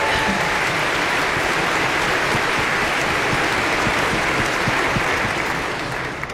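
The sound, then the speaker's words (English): Sustained applause from a large audience at the season's final Look Mazza Sunday Concert Series concert, in a tent, for board vice chair Mike Klein: a dense wash of many hands clapping at a steady loudness for several seconds before easing slightly at the end. “We are here, yes, another round of applause for Mike.”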